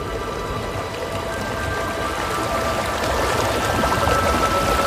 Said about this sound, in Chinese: 河水不停歇地流淌着，穿过这片寂静而迷人的白色世界。